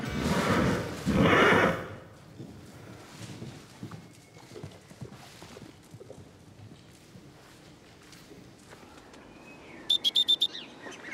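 A horse lets out a loud whinny lasting about two seconds, then quieter hoof clops and shuffling follow, with a short run of high chirps near the end; its owner is learning to approach the horse anew.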